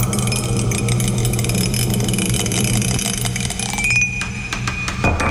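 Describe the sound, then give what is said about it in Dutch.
A die clatters and rattles as it rolls, a quick run of small clicks and taps over a steady low hum, ending in a few scattered knocks as it tumbles off. “Hij is namelijk weer van dat ding afgevallen. Waar ligt hij eigenlijk? Ik ben hem kwijt. Is dit hij? Ik ben de dobbelsteen kwijt.”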